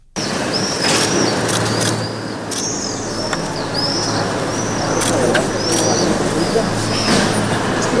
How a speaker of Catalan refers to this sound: Un silenci només trencat per clics de les càmeres de fotos.